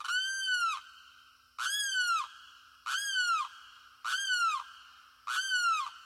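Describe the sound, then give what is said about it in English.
A limpkin, a tall, brown, long-beaked wading bird, in a wooded swamp, gives its eerie, wailing cry five times in a steady rhythm, each loud, harmonic scream rising then sliding down, clear with no talking. “It's a wading bird called a limpkin. Tall, brown, long-beaked, its eerie cry is unmistakable.”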